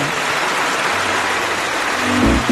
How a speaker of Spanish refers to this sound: primero que nada, un aplauso para toda la banda que participó.